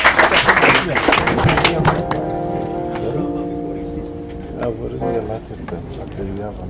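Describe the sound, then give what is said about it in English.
A crowd applauds with dense, loud clapping for about two seconds, welcoming the next speaker to give a reflection, then the clapping thins and fades as a voice begins speaking. “Let's give a round of applause for him.”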